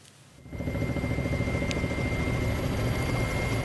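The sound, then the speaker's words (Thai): A firefighting helicopter of Indonesian authorities, dropping water on forest fires in Kalimantan on Borneo, thumps its rotor in a steady rapid beat, rising suddenly in loudness after a brief quiet start and staying loud as it flies overhead, with no voices. “เจ้าหน้าที่อินโดนีเซียนำเฮลิคอปเตอร์ขึ้นปฏิบัติการทิ้งน้ำเร่งดับไฟในภูมิภาคกะลิมันตันบนเกาะบอร์เนียวอย่างต่อเนื่องนะครับซึ่งยังคงมีไฟป่าลุกไหม้หลายจุด”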